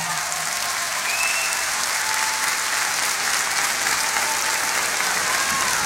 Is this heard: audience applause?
yes